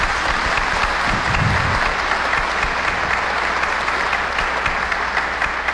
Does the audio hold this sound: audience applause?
yes